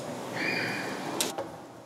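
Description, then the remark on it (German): A door is opened to let a dog outside, with a drawn-out, high squeaky creak, followed by a couple of sharp latch clicks, fairly quiet against a soft background hiss. Nobody speaks. “Ah, hat schon entdeckt, dass Tür ist auf.”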